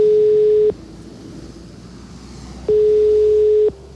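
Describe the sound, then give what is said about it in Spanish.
A telephone ringback tone buzzes twice during a call to the director general of Cleaning and Waste Services of Madrid City Council, each steady tone lasting about a second with a long gap between, heard over a low hiss of line noise. Nobody speaks. “Así que le llamamos por teléfono.”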